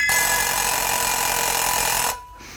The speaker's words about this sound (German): Der Wecker.